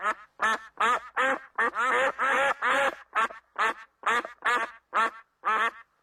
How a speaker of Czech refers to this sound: Divoké husy. Těsně vedle. Takže by to byly divoké kachny. Přesně tak.